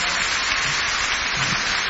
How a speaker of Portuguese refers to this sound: Então, eu vou chamar a palco com um enorme aplauso da vossa parte, essa mesma velhota, César Mourão.